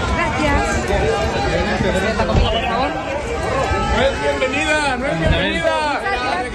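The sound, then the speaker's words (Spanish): A loud, dense crowd in Aguascalientes, Mexico, booing and jeering Madrid president Ayuso as she arrives to receive the Aguascalientes medal, with shouts such as «No eres bienvenida», many voices overlapping into a continuous roar with rising and falling cries cutting through. “Ayuso ha sido recibida hace unas horas entre abucheos y frases como «No eres bienvenida».”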